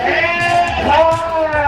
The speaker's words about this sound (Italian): Allora, stiamo facendo i vaccini alle vacche.